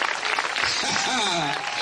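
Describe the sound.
A church audience claps loudly and steadily in praise of God, a dense wash of applause throughout, while a raised voice calls out over the clapping in the second half.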